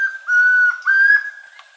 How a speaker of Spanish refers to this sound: El trino del tororoy comprapan forma parte del Banco de Sonidos de Aves Colombianas, recopilado por el Instituto von Humboldt